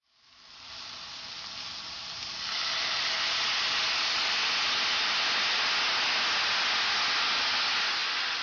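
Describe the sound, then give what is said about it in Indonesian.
Carrots with sugar, soy sauce and red chili sizzle steadily in a hot pan while being stir-fried over medium heat for kinpira, a dense, continuous hiss that swells louder after a couple of seconds and stays strong throughout, with no voices. “Teruslah menumisnya sampai kandungan air dari kecap asinnya menguap dan wortelnya kelihatan seperti mulai hangus.”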